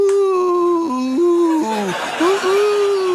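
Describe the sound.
A voice gently imitates an ambulance siren, holding a steady hummed tone that dips down and climbs back up a few times over about three seconds, without any words.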